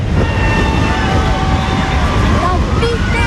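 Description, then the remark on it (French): A motorcycle engine drones past, its pitch shifting as it goes, over a dense, loud wash of crowd noise and chatter along the roadside of a women's cycling race nearing its finish. “Il y a une moto.”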